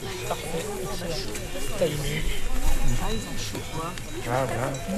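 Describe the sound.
Cow bells clank and jingle faintly in the background, their bright metallic tones ringing on and off beneath people talking throughout.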